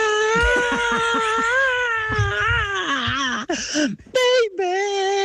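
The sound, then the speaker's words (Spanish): A voice imitates a rock singer's scream, one long, loud, strained wail with wavering vibrato that sags in pitch, breaks off briefly, then rises again for a final burst. “Al principio hace un grito memorable, más o menos así.”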